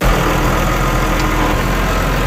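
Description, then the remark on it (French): A market gardener's diesel tractor engine runs steadily, a loud, continuous low rumble with a dense mechanical drone and no pauses or voices. “C'est un bruit qui coûte de plus en plus cher.”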